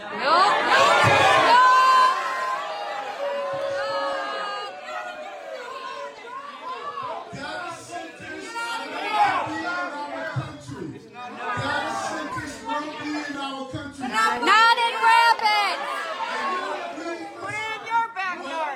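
A large crowd erupts in loud, overlapping shouts and jeers aimed at Adams during his appearance, a dense clamor of many voices that swells and stays heated throughout with no single speaker standing out.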